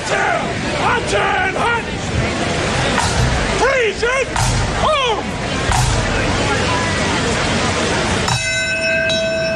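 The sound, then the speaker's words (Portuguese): After several seconds of people talking and calling out, a single bell is struck once at the September 11 memorial ceremony in New York, marking the time the North Tower was hit. Its bright, ringing tone sustains steadily to the end. “A cerimónia começou um pouco antes das 2 da tarde, com a entrada da bandeira norte-americana, e depois o primeiro sino a marcar a hora em que a Torre Norte foi atingida.”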